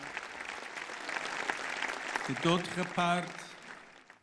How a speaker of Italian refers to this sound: La medicina, conclude … fra gli applausi, non potrà mai farsi serva della morte programmata.